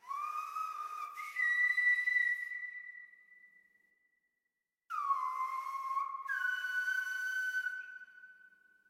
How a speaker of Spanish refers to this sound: Entonces sentí la necesidad de venir a la isla de La Gomera, donde me encuentro actualmente, a aprender el silbo gomero, que es una comunicación ancestral en el que los antepasados se comunicaban a través del silbo.